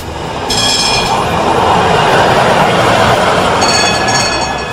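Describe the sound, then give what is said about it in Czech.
A tram rumbles loudly and steadily along its rails, with thin, high metallic whines rising near the start and again toward the end; no voices. “Ali ne bismo im smjeli zamjeriti, jer u ono doba sve je tada zasjenila titula prvog grada na Balkanu i u srednjoj Evropi koji je imao tramvaj.”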